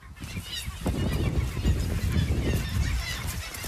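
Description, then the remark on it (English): A dense, continuous din of hundreds of thousands of honking birds on Middleton Island, like a huge goose flock, loud and deafening with overlapping calls and no pause for the whole stretch. “And it's just deafening sound of hundreds and thousands of birds, and you can smell it as well.”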